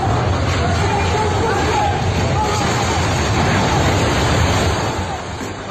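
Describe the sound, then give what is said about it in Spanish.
An apartment block collapses completely in a continuous, loud rumbling roar, with a crowd's shouts and screams mixed into the din, in a video from February 2023. The noise holds steady for several seconds before easing slightly at the end. “Gritos y un estruendo enorme del momento en el que edificio se cae, se desploma por completo.”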